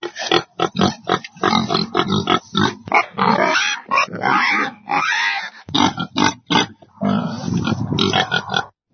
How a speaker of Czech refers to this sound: Tak co, uhádli jste? Určitě to znáte. Je to prasátko. Prasata jsou třeba v chlívku, jako prase domácí.